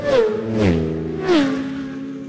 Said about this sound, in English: Bouncing on the brakes on these 600 machine super sport bikes, the Yamaha, then the Ducati, then the Triumph. The top three, here they come. Have a listen.